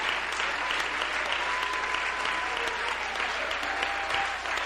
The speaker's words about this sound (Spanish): Dele ese aplauso de alabanza a Jesús.